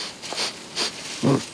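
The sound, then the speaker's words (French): Two quick, breathy sniffs, followed by a short low snort, as a koala checks a eucalyptus leaf by smell. “Il repère une nouvelle feuille, la renifle.”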